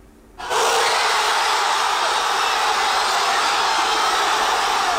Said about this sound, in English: This was the moment of fans in Buenos Aires after hearing the final whistle. Joy on the streets of the Argentinian capital as they look for a fourth World Cup win.